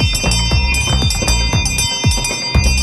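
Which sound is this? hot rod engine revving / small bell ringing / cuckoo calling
small bell ringing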